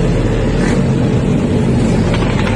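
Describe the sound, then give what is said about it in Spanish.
Loud, steady roar of dozens of motorcycle engines riding past the wrong way against traffic on a street in Punta Carretas at 1:00 a.m. on a Friday night, a continuous rumbling drone with no pauses and no voices. “Contramano, las motos contramano.”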